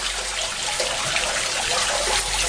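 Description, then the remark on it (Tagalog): A steady rush of water pours and trickles continuously into a street drain, fairly loud, with no voices. “Ang mga kanal nga naa sa atong kadalanan, maoy hagbongan sa tubig, mauwan man o ang atong mga ginamit nga tubig sa kabalayan.”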